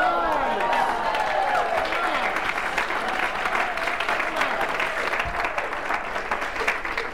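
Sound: audience applause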